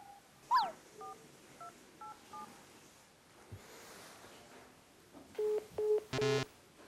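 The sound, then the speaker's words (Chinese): Mobile phone dialing tones from a call that will not connect: a quick rising chirp, then four short, soft keypad beeps, a pause, and three louder beeps ending in a brief harsh burst. No voices. “为什么打不了电话呢？”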